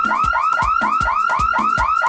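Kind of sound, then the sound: vehicle, car alarm sounding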